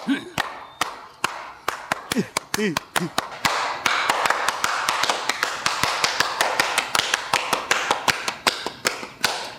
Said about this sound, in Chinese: 给你姐拍拍手。